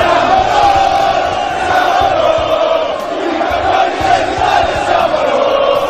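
Thousands of football fans fill Piazza Duomo in Milan at night, celebrating their team's achievement, chanting together in a loud, sustained roar, many voices blending into a steady rhythmic song that fills the space without pause.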